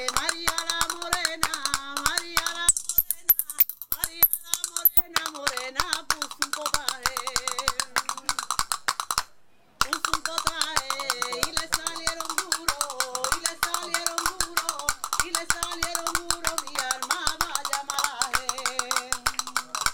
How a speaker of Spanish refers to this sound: Vamos a escuchar esos palillos con el mar de fondo, aquí en este apartamento maravilloso de la Cruz del Mar. Una que vamos a tocar palillos. Venga, ustedes tocan las palmas, vámonos.